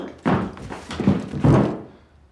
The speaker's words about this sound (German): Was wird das jetzt? So fällt ein normaler Mensch um.